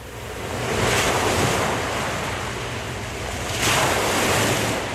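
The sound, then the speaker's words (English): Ocean waves break and wash in broad surging swells at the Flagler Beach Pier, two big crests rising about three seconds apart over a constant roar of surf, with wind buffeting the microphone. No voices. “Live from the Flagler Beach Pier, you're riding the waves with DJ Brother Dave on Surf 97.3.”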